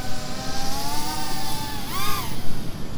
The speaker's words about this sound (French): Il y a un drone qui vole au-dessus de moi.